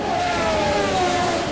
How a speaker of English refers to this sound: looks like somebody didn't change tires when they should have, went too fast for the conditions and the tires and looped it into the wall when they tried to take turn one.